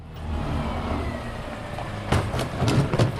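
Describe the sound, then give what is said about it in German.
The engine of a large white garbage truck rumbles steadily as it parks in a small side street in a district of Saarlouis, Saarland, Germany, with a few sharp bursts of hiss and clatter joining in toward the end. No one speaks. “parkt das große weiße Müllauto in einer kleinen Seitenstraße im Saarlouer Stadtteil Neuvorweiler.”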